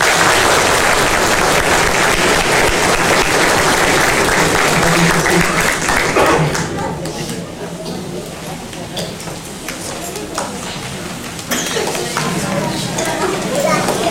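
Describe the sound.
A round of applause for people celebrating their birthdays, following a prayer: dense, crackling clapping at full volume for about six seconds, then thinning to scattered claps with voices before swelling again near the end.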